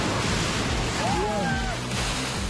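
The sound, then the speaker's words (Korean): Heavy surf churns against rocks in a steady, loud, hissing roar of rushing water as people harvest wild rock seaweed on the rocks amid the rough waves in midsummer, with faint voices barely audible beneath the noise. “무섭게 몰아치는 거센 파도 속에서 채취하는 것은 바로 자연산 돌미역입니다.”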